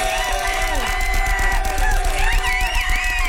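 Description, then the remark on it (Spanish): A crowd cheers and claps steadily for guests Lagrimita and Costel, with whoops and shrill, wavering yells rising over a dense wash of applause throughout. “Bueno, Lagrimita y Costel, venga el aplauso.”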